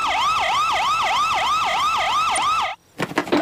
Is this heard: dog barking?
no